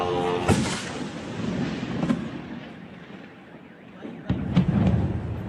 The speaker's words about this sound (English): You can hear the buzz of the drones, the blast, the car alarms. It amounted to one of the largest attacks on the Russian capital since the Kremlin ordered the invasion of Ukraine more than 4 years ago.